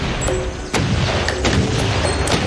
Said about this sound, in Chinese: 致命的毒素像机关枪一样释放出来，每秒发射大约500发，子弹之间的这种微小停顿让混合式稍微冷却，这意味着甲虫在自己的攻击中幸存下来。